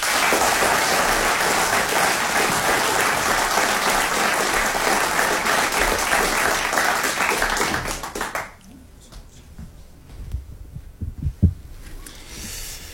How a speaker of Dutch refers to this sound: Hij is de winnaar van het Nederlands kampioenschap Light Verse. Een hartelijk applaus voor Han Marinus.